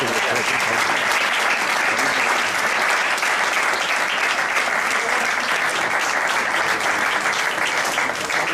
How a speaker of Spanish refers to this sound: Un hombre que hace muchísimas cosas sociales por la ciudad. Y este es un aplauso especial por eso.